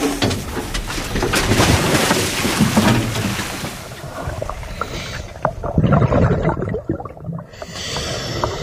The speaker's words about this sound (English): On the research boat in the San Juan Islands, the Samish dive team is getting ready. Pool's open. Pool's open.